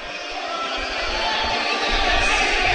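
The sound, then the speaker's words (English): A hockey crowd yells in a dense, continuous roar at a game between the Broncos and the Clippers, holding steady and swelling slightly louder toward the end, with no single voice standing out. “A lot of yelling down the ice.”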